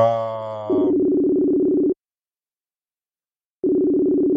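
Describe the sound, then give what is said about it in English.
A phone line ringing on an outgoing call to reach someone: a steady, low buzzing ringback tone sounds for over a second, falls silent for nearly two seconds, then starts again, with no talking. “At least it's ringing.”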